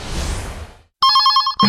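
A loud telephone rings with a rapid trilling electronic tone, starting right after a burst of noise fades to brief silence; a second ring begins just as the first ends.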